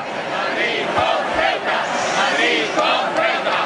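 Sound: crowd chanting protest slogan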